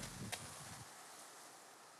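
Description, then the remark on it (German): A low, faint electrical hum from a 12-year-old refrigerator, with a small click near the start; the hum cuts out within a second, leaving only soft background hiss. “Und es tut sich was im Innern. Aber er brummt.”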